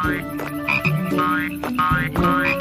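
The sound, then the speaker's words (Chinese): Small green frogs in a tulip flower bed croak in a busy, overlapping chorus, short raspy calls repeating every half second or so, fairly loud and steady with no one talking. “抱歉这么晚呼叫你，莱德，但我和咕咕鸡听到郁金香花圃里传来奇怪的声音，跑出来一看。 是那些小青蛙，他们太害怕了，就一路跳到镇上了。”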